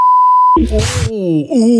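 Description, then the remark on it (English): A loud, steady censor bleep over a spoken word holds for about half a second, then cuts off abruptly into a noisy burst and a drawn-out vocal groan. “Ooh, lucky we had a sensor.”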